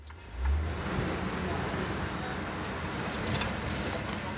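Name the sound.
truck engine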